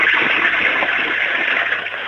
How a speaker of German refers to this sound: Die ist ja voll laut. Deine Klospülung. Du, da kann man aber ordentlich reingaxen in dieses Klo, oder? Und trotzdem kann man alles runterspülen.